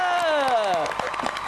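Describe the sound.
An audience at a contest breaks into scattered clapping as a round is finished, sharp irregular claps rising under a loud descending voice or whoop that slides downward, then the applause carries on alone.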